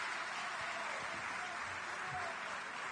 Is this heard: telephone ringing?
no